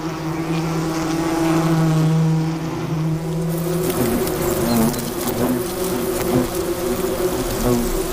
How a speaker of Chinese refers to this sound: 捕猎的胡蜂通常是工蜂，他们不会自己享用猎物，而是会把猎物带回蜂巢拿去做交易。